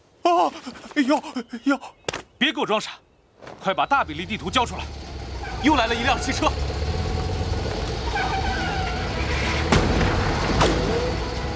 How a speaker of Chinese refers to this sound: 注意，汽车来了。